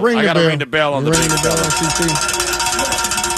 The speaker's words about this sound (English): I hate to do it, but I got to ring the bell.